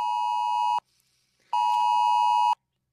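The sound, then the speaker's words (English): A harsh, loud Oz Alert emergency alert tone, the national test tone for 27 July, sounds from a phone: two long, steady buzzing beeps, each about a second, split by a short pause, with no one talking. “This is the Oz alert sound that's going to be tested nationally on the 27th of July.”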